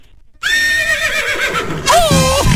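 A horse whinnies loudly, a long quavering neigh with wavering pitch, followed by a second sharper, rising whinny near the end.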